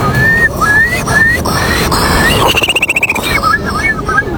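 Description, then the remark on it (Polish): A person whistles an imitation of a Eurasian curlew at the third Polish Championships in bird imitation, in front of the Palace of Culture and Science: rising, slurred whistles, then a fast bubbling trill of pulsed notes, and more upward whistles at the end, all over a noisy background. “Numer popisowy to będzie Kulik Wielki. Brzmi on mniej więcej tak.”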